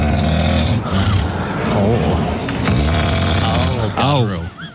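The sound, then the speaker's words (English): Loud snoring from someone deeply asleep, recorded last night in the suburb of Rabina: a continuous rough, rattling drone with rising and falling breaths and no pauses throughout. “That is a big snore.”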